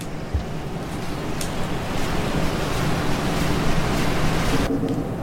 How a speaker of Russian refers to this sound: Так, сейчас дождь уже.